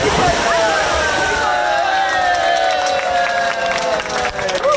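Busy ambience at the De Abelen open-air swimming pool in Zwifterband, a 1965 pool reopened after renovation on a hot weekend: a dense wash of splashing water with overlapping children's shouts and chatter, steady and loud throughout, with no single voice standing out.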